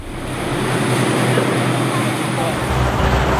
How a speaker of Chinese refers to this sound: 我现在呢是在从赤壁去往对岸乌林的这个汽车轮渡上，现在我们在江面上可以看到。